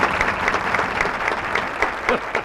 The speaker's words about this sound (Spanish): Voy a recibir con aplausos, gritos y ovación